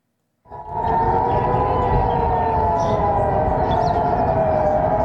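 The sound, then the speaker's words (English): A civil defense air raid siren sounds across Jerusalem in the morning after a military warning of incoming missiles from Iran. It begins abruptly after a brief silence and holds a loud, steady wailing tone over a low outdoor rumble with no voices. “A siren sounded across Jerusalem this morning after the Israeli military warned of incoming missiles from Iran.”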